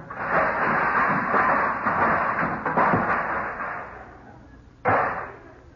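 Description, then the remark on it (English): Nearly half a dozen snow shovels topple and clatter, a loud jumbled metallic rattling that runs for a few seconds and dies down, then one last sharp clang rings out and fades. “Henry, did you knock something over?”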